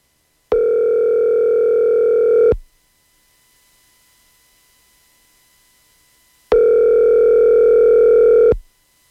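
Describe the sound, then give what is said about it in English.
A phone call from a ranch to the winner of a whiskey tasting draw ringing out: two long, steady electronic ring tones, each about two seconds, separated by a few seconds of silence. The tone is loud and even, with no voices. “and we have done the draw for our whiskey tasting experience, so let's call our winner.”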